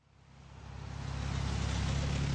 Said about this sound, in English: Cars zoom past candidates and supporters as they wave signs and sip coffee in the rain at the Juneau-Douglas Bridge intersection Tuesday morning.